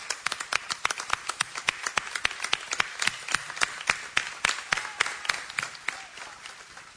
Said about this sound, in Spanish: ¡Viva la Virgen de Luján! ¡Viva! Fuerte el aplauso para nuestra madre.